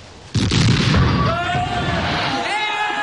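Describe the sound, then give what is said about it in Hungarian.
A ship's cannon fires at a sea monster with a sudden, loud boom that rolls into a long, rumbling roar, while raised voices start to cry out over the fading blast. “eltalálta a golyó a szörny hátát, de furcsa módon csak végigcsúszott rajta, aztán eltűnt a mélyben.”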